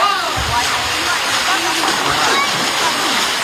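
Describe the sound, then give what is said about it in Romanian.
Rushing cold water of the Crișul Repede river near Șuncuiuș pours steadily and loudly, a dense continuous hiss with splashing texture, while faint voices of people escaping a heatwave murmur underneath. “Apa rece a Crișului repede i-a convins pe mulți.”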